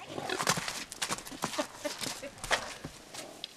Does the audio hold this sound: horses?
yes